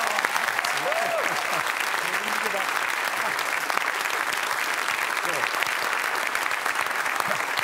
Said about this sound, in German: Deswegen begrüßen Sie bitte mit einem donnernden Applaus